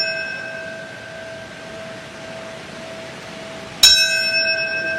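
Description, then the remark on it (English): Bells at a ceremony marking 25 years since 9/11 ring with long, sustained overlapping tones that hum steadily, then a fresh, louder strike lands near the end and rings out over a faint background hiss. “What comes to mind when you hear those bells?”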